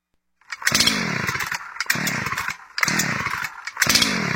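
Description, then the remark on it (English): An old chainsaw engine revs loudly in four surging bursts, each roar climbing and dropping back with brief dips between them, and no voices. “The old chainsaw not starting?”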